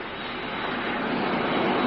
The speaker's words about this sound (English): Does the plane always come down this fast? It depends on the pilot. This one seems to be quite a cowboy. It's hard to hear. My ears are kind of stopped up.